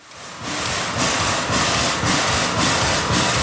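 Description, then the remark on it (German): The 132-year-old steam tram locomotive Lok 12 in Bern, heated for four hours, hisses steadily in front of the tram depot while puffing in regular, evenly spaced chuffs, about two per second, loud and continuous with no voices. “Sie dampft und zischt vor dem Tramdepot wie ein Tier, das endlich aus dem Stall will.”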